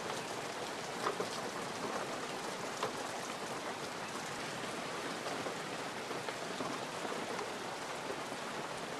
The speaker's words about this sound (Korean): 때까치 둥지에도 굵은 비가 떨어집니다. 품속의 새끼들이 비를 맞으면 위험해질 수도 있죠.